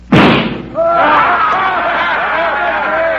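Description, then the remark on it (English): A single sharp pistol gunshot, fired at a little gold eagle on a flagpole across the street, cracks out loudly and decays quickly, followed by a steady stretch of overlapping voices that continue to the end. “Think you can hit that little gold eagle on that flagpole across the street? I sure can. Watch.”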